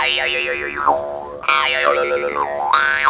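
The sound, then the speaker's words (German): A jaw harp plays a twangy, buzzing drone in three quick phrases, its overtones sweeping up and down in springy, bouncing wah shapes that mimic a hopping grasshopper. No voices. “Also Maultrommel, mach mir doch mal bitte den Grashüpfer.”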